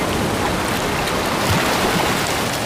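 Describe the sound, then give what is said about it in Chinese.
Rushing, turbulent river water roars steadily and loudly, a dense unbroken wash of churning noise with no voices. “在这湍急的河水里，有如在洗衣机里游泳。”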